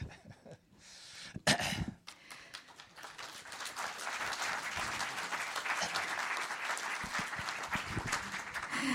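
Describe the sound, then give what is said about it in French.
An audience breaks into applause, starting with a few scattered claps and a cough, then swelling into steady, dense clapping that holds at an even level to the end. “mais vous avez applaudi, c'est très bien, je vous en remercie.”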